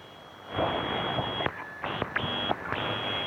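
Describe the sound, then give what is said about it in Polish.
Radio static hiss bursts on and keeps cutting out abruptly as the squelch mutes weak signals during tuning, leaving brief silent gaps between steady noise bursts, fairly loud, no voices. “Tak, rzeczywiście taki squelch, czyli wyciszenie tych sygnałów, jeżeli są zbyt słabe.”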